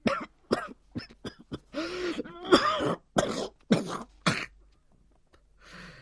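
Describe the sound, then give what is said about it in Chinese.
A loud fit of harsh, wheezing coughs in a rapid irregular series, with a longer raspy throat-clearing stretch in the middle, then trailing off into quiet breaths; a voice performs the coughing of an injured old man. “郭白云脸上现出了一片苦笑，这一瞬间他的脸色又恢复了苍白了，接着又是一阵咳嗽。”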